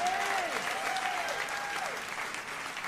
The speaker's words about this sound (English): Please give her a large round of applause.